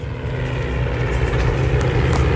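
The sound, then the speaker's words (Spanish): A vintage Spanish Civil War-era propeller airplane engine, flying in an air battle reenactment at Villanueva del Pardillo, Spain, drones steadily and loudly, its deep throbbing hum holding constant throughout with a rough, slightly pulsing texture and no voices. “Escuchen el motor.”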